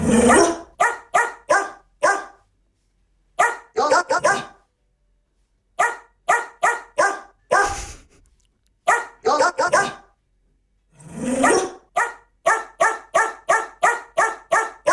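A female dog barks over and over in quick, rhythmic runs of sharp, loud barks, broken by short pauses, with a few longer, whining yelps mixed in. The barking fills the whole stretch.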